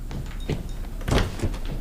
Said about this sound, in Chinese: 我去开门。 谁呀？